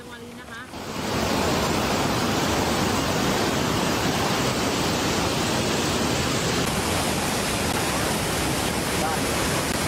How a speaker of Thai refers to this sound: น้ำตกเมื่อเช้านะคะตอนนี้น้ำป่าไหลแรงมากค่ะ